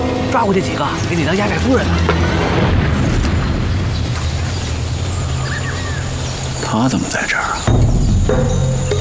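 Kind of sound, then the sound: impact, distant gunfire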